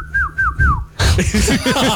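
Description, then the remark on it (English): A person whistles a house wren imitation: three quick, clear, downward-sliding chirps in an even rhythm, followed by a louder, busier burst of rapid warbling, voiced chatter. “I'm telling you, I think T-Rexes, I think they were like little house wrens, and they're just like...”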